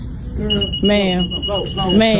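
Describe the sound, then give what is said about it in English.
A store security tag alarm, set off by items whose tags had not been taken off, sounds a steady, high-pitched electronic tone that holds for most of the moment, while loud, agitated voices talk over it. “The beep, because things haven't had the tags taken off. Yeah. It's going off, and the woman's saying, ma'am, ma'am.”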